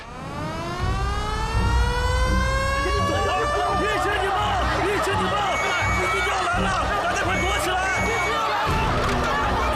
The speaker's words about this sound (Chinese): 是防空警报， 敌机一小时进入云南境内